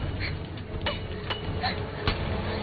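A shoe heel strikes car window glass about four times in irregular succession, each hit a sharp, bright knock over a steady low rumbling background, with no voices.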